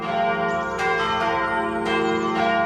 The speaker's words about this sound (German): Es ist Sonntag, es läuten die Glocken, hier gerade die der Chemnitzer Schlosskirche. Als Christ freue ich mich immer, wenn die Kirche mit ihrem warmen, vollen Klang über Berg und Tal, über Wald und Wiesen, Häusern und Straßen vernehmbar wird.